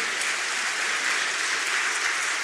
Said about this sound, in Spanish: Gloria a Dios. Aplaudan al Señor.